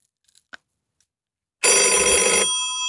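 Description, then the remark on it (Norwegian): A loud, bright telephone bell rings once in a bingo call-in studio, a sustained metallic burst of about a second with a lingering shimmer afterward, following a few faint clicks in near silence. “Vi ser om vi får inn en telefon.”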